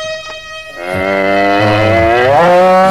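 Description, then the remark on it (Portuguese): An ox gives a single loud, drawn-out moo, its deep voice swelling and wavering for a couple of seconds with no one talking. “Calma, boi, calma.”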